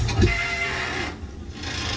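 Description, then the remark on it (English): A continuous grinding, squealing screech from a bridge in Hamburg, steady and fairly loud for the whole stretch, with a harsh rasping texture and a thin high whine running through it. “The squealing bridge.”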